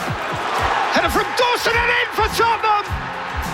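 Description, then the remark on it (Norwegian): A crowd cheers from the stands as a goal is scored, a steady roar of many voices with overlapping shouts and rising whoops throughout, staying loud for the full few seconds. “Ut på eftan så det full jubel fra tribuna når noen sett ballen i mål.”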